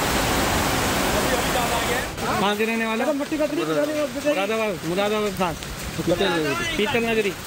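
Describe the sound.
A dense, roaring rush of floodwater from a swollen mountain river after heavy rain fills the first two seconds, then a voice starts talking while the water's steady hiss carries on more faintly underneath.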